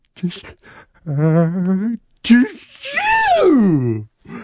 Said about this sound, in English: The biggest sneeze anyone in the world had ever heard, so that all the bubbles blew away in the breeze. Thomas nearly blew away too